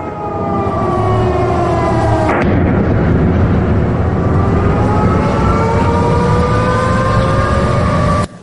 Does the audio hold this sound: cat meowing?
no